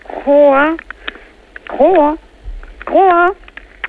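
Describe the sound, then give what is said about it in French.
Three loud, drawn-out croaks from a Chacoan horned frog (Ceratophrys ornata), each about half a second with a rising-then-falling buzzy tone, evenly spaced and heard through a thin, tinny telephone line played through an amplifier. “Alors, on va, si vous le voulez bien, arrêter de la faire coasser, la pauvre bête.”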